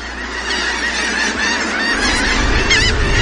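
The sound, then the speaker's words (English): A large flock of red knot shorebirds at Norbury's Landing, a small sandy beach at the southern tip of New Jersey on the Delaware Bay, calls all at once, a dense, steady chorus of overlapping chattering and piping notes that stays loud throughout, with no voices. “peers through her binoculars at a massive flock of shorebirds”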